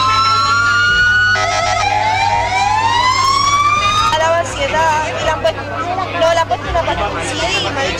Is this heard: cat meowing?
no